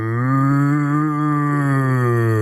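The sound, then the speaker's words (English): A person imitates a cow with one long, steady moo as their turn in a mooing contest, a loud, sustained low-pitched call held for over two seconds with no other sounds around it. “That's one of the best moves I've ever heard.”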